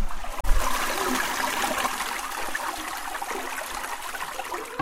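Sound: toilet flushing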